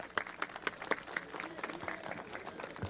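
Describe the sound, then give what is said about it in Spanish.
An audience in Barrio Negro applauds to welcome a mining engineer as speaker, many hands clapping in a dense, irregular patter with a few sharper individual claps standing out early on, holding a steady moderate level for about three seconds. “Un aplauso, por favor.”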